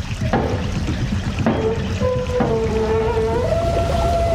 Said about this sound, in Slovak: Hej, sused, potočte tým kolesom. Zdvihnite stavidlo.